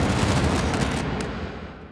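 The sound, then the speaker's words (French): A loud explosion burst with crackling debris, its broad roar fading steadily over about two seconds. No voices. “le corps du jeune homme s'auto-pulvérisa et s'éparpilla en dizaines de milliers d'étincelles, fusant ensuite vers les cieux comme aspiré par la lune qui venait d'atteindre son apogée.”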